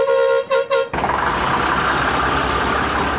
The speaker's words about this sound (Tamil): Bus வருது போல இருக்கு, வா புள்ள போவோம். ஆமாங்க்கா, நானும் இந்த பஸ்லயே வந்து கீழனூர்ல இறங்கிக்கிறேன்.